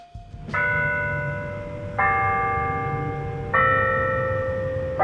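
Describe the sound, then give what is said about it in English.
Church bells in the Berea Triangle, Northeast Ohio, ring out the hour with three loud, resonant strikes a couple of seconds apart, each tone sustaining and overlapping the next over a low rumble of background noise. “Hearing the time in the Berea Triangle.”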